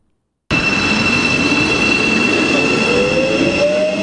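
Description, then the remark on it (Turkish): A Marmaray commuter train in Istanbul, Turkey, rolls steadily along the tracks, loud, with a constant rumble, high metallic wheel squeal tones and a rising screech near the end. No one speaks. “İstanbul'da günlük 600 bini aşan yolcusuyla toplu taşımanın en yoğun hatlarından biri Marmaray.”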